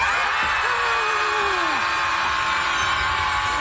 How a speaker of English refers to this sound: We're asking you to come on and join our Scream Club. Yeah, there's a Scream Club in Chicago where people go and just let all their screams out so they feel better.